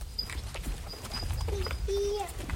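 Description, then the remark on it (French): Cows' hooves clop in a loose, irregular series of steps, with low rumbling movement and a few brief high tonal calls. “C'est les vaches.”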